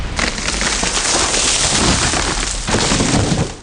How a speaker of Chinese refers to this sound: 树倒喽！